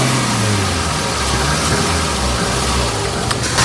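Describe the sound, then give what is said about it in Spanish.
A car engine runs steadily and loudly as it drives along the border fence in Melilla, which begins at the south breakwater opposite the port of Nador; its low hum shifts slightly in pitch, with broad road and wind noise throughout and no voices. “Nos subimos al coche para recorrer la línea de esta verja que comienza en el dique sur frente al puerto de Nador.”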